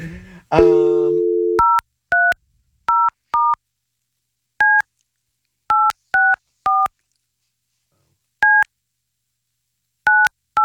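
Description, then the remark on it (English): A brief tone opens, then eleven crisp telephone keypad beeps follow at an uneven pace as a phone number is punched out on a board, each a clean dual-pitched blip, loud with silence between them. “She's got a cool phone number. When you punch it out on the board, that's pretty cool.”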